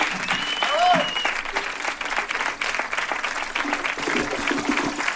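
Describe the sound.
Steady, dense applause from an audience fills the whole stretch, with a brief whistle early on and some crowd voices mixed under the clapping.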